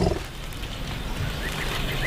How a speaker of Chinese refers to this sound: 即使他们彼此看不到对方，也可以保持联络通畅。大象拥有发出次声波的独特能力，低沉的隆隆声里包含了许多我们人耳无法听到的信息。